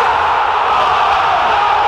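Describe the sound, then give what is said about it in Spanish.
A large football crowd roars in one loud, sustained, unbroken wall of cheering and shouting, steady in volume for the whole stretch, like fans celebrating a goal. “Es un grito de gol que nunca.”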